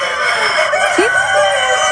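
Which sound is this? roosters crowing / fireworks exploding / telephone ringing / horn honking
roosters crowing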